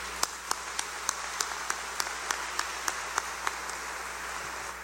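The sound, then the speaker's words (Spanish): An audience at a church celebration applauds to congratulate fathers on Father's Day, a soft, steady wash of clapping with a few sharper individual claps standing out in a regular rhythm. No one speaks. “Oramos por ellos, les damos una cordial felicitación y bienvenida a quienes están participando en esta celebración, y les damos un fuerte aplauso de felicitación.”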